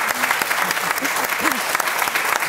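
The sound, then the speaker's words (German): An audience claps steadily at the host's request, a dense, continuous patter of many hands at even loudness, with faint voices murmuring underneath. “Erst mal einen Applaus geben wir schon mal.”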